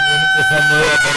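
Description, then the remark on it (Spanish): A loud, brief rooster crow early in the morning, one sustained strained call with a strong harmonic tone filling the moment. “Y como siempre, bien tempranito, escuchando el gallo, que pronto, ¿verdad?”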